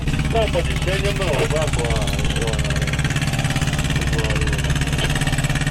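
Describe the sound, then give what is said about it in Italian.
A boat engine drones steadily and loudly throughout, a low constant rumble, while voices talk intermittently over it. “Questa è quella barca lì.”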